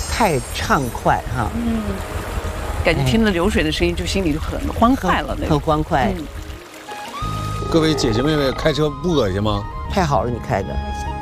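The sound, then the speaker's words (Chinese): A steady wash of clear river water flowing right beside the group at the foot of a mountain runs continuously in the background while people talk almost the whole time. “嗯， 感觉听着流水的声音，就心里就很欢快了。”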